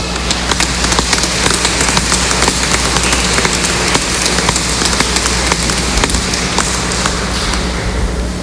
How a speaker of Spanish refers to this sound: Hermanos, todos ustedes que acompañan a estos dos hermanos, dos parejas de hermanos que contraen matrimonio, démosles fuertes aplausos.